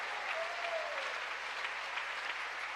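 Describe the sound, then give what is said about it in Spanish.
Steady applause given to God by people in God's sanctuary fills the whole clip, a dense wash of many hands clapping at an even level with no pauses and no voices rising above it. “¿Y cuánto le dan un aplauso al Dios de dioses, al Rey de Reyes que está aquí en nuestros medios?”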